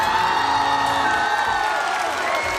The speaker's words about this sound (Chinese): 首先让我们掌声欢迎国风音乐社的寻风主理人